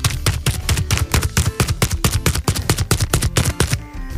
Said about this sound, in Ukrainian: Давайте ще раз послухаємо, як він звучить. Давайте поплескаємо по ньому.